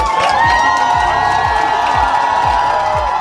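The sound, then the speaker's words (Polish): A loud, dense crowd of Polish fans welcoming the European champion volleyball team cheers and shouts continuously, loudly shouting '100 lat' and 'dziękujemy', with a steady rhythmic thumping beat pulsing underneath, like drums or stomping driving a chant. “Były głośno krzyki 100 lat i gromkie dziękujemy.”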